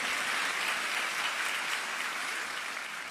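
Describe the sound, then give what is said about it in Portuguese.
An audience applauds in a dense, steady wash of many hands clapping, holding an even loudness for about three seconds with no voices standing out. “Quem pode dar uma salva de palmas aí?”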